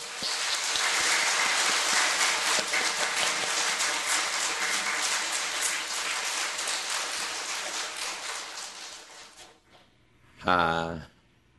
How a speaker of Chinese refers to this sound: 首先呢，我们在热烈的掌声来欢迎。